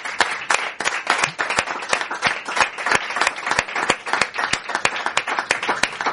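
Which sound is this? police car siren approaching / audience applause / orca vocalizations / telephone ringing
audience applause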